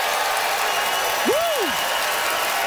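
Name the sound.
theatre audience applause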